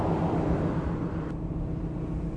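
Machinery of a barite mill for mining, on a town's main street, drones steadily, a dense low rumble with a constant mechanical hum layered on top, loud and unbroken throughout, with no voices.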